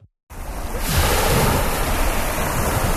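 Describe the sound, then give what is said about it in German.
Surf rushes steadily onto Tibidabo Beach in Italy, a kept beach with rows of umbrellas and loungers by a deep blue sea, after a brief silent gap, a dense, loud wash of breaking waves with some wind noise on the microphone and no voices. “Tiefblaues Meer und dann 5 Reihen mit Schirmen und Liegestühlen in Reih und Glied, fein säuberlich ausgerichtet.”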